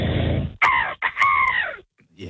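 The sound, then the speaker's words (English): A person imitates an angry seagull with gritted teeth, voicing a harsh, screeching cry: a few strained, wavering squawks in quick succession, loud, with a brief pause between calls and no other talk. “Angry seagull. Get some anger in you.”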